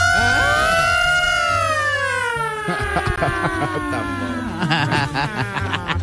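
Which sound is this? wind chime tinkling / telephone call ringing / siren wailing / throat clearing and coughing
siren wailing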